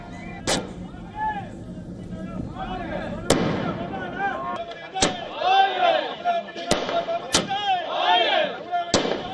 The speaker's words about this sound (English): Outside the TVK headquarters in Chennai, party workers and supporters celebrated busting firecrackers and raising party slogans.